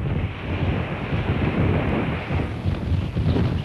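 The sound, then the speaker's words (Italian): Strong, cold wind roars steadily across the microphone in dense, low buffeting gusts, loud, with a faint wash like water underneath and no voices, on the 32-kilometre dike in the Netherlands that separates the Zuiderzee from the North Sea and links North Holland and Friesland. “Era una giornata particolarmente fredda e il vento faceva da padrone senza misericordia.”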